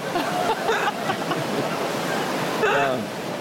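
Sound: heavy rain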